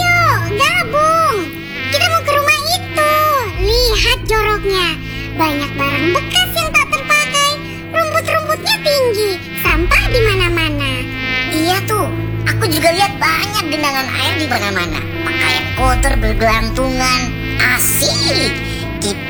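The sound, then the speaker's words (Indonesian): A loud mosquito whine buzzes almost continuously, its pitch wavering up and down, layered over a steady low droning hum. “Mau jadi korban gigitan nyamuk?”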